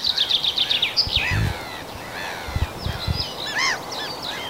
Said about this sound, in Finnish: Ja siellä kuului kirjosieppo kuului tuossa peipon lomassa. Niin se oli kirjosieppo, oli sulle tämän kevään ensimmäinen.